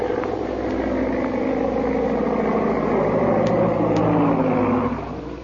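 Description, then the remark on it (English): The propeller engine of a big black seaplane drones with a low, throbbing pitch, swelling slightly before easing off at the end as it circles to land on stagnant water by a plantation. No one speaks. “Meanwhile, back at the plantation, a big black seaplane circles for a landing.”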